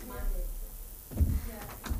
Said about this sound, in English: That door's open. Can you shut that door behind you?